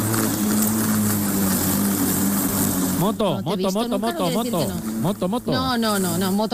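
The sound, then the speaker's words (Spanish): A voice imitates a vacuum cleaner with a loud, steady whooshing drone and low hum; after a few seconds, people start talking over the continuing noise. “Claro, tengo que pasar la aspiradora, es que no sé, que claro, que...”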